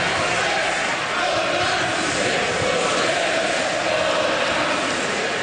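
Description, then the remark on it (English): A large crowd chants together for justice for those who died in the Hillsborough disaster, chanting for two minutes in a sustained, dense roar of many voices, steady and loud throughout with slight swells, and no single voice standing out. “For 2 minutes, the crowd chanted for justice for those who died.”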